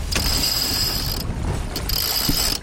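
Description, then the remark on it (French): A sailboat winch clicks in rapid ratcheting bursts as a sail is hauled up on a boat that has just left port in the morning, with a high whine running through two long stretches and a brief pause between them, over steady low wind rumble. “Pour moi, hisser les voiles, c'est partir à l'aventure.”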